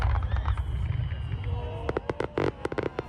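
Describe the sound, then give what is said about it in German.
A low, steady rumble gives way to a quick run of sharp fireworks bursts, loud crackling pops spaced irregularly over the final second, from the Japantag (Japan Day) pyro show by a fireworks master flown in from Japan. “Ein Feuerwerk voller Lebensfreude heißt die Pyro-Show des Feuerwerkmeisters, der wieder extra aus Japan eingeflogen wurde.”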